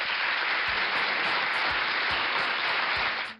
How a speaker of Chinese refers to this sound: 好，把这个掌声要送给小黄狗啊！